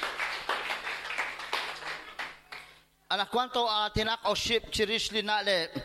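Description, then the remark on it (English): An audience at a Bible study applauds for Jesus with dense, steady clapping for about three seconds; the clapping fades, then a loud, strongly pitched voice takes over. “A round of applause for Jesus.”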